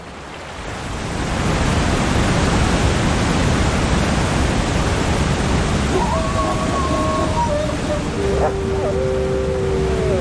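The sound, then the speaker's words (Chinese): A steady, loud roar of rushing water fills the whole recording: a swift river swollen with snowmelt, pouring near a waterfall, with a brief tonal call rising faintly over it near the end. “可是冰雪融水的汇入导致河流水量大增，水流湍急，绝望的寒角驼鹿拼命想游到对岸，但很快被河水吞没。”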